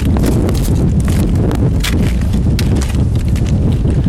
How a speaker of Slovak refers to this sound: aj neližiar počuje, že tento zvuk vydávajú lyže po naľad stvrdnutom snehu.